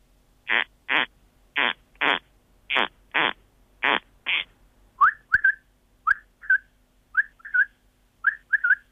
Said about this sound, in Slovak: Dobré ráno želám, takto vám dobré ráno zaželali dva druhých vtákov. Určite aspoň toho jedného poznajú naši poslucháči, to je prepelica, ktorá žije na poliach, a druhý je chraptáč polný.